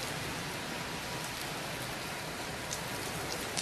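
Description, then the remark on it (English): Heavy storm rain from Typhoon Bavi pours down in a dense, unbroken roar, loud, with a gusty windy hiss blended into the downpour and no voices, in Wenzhou, East China, as the typhoon nears landfall on the eastern coast. “As you can probably tell, the wind is getting stronger and the rain is getting heavier compared with an hour ago when I talked to you at Asia Today, because Typhoon Bavi is expected to make its landfall at midnight.”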